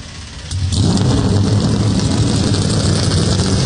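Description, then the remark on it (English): Several NASCAR stock car engines fire up at once at Daytona International Speedway after a brief quiet moment, then settle into a loud, rumbling roar of revving motors that continues steadily with no voices. “Drivers, please start your engines.”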